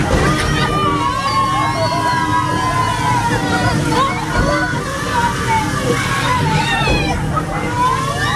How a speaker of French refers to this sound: C'est pas simplement un tour, là c'est simplement un bateau qui avance dans une petite rivière, mais ajouter à ça des canons à eau, et on passe un super moment qui est au-delà de simplement la balade au milieu d'un joli décor.